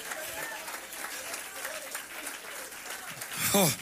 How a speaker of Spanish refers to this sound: Adóralo si tienes ganas. Si vas a aplaudirle, apláudale con alegría.